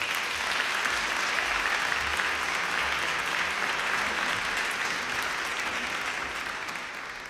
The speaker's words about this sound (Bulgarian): Вашите аплодисменти са за Николина Савова.